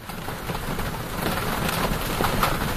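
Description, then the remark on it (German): Steady rain hisses and patters across a broad wash of noise, with a low rumble underneath that could be faraway thunder. There are no voices. “Ihr schaut raus und seht Regen oder zumindest noch nasse Straßen und Dächer.”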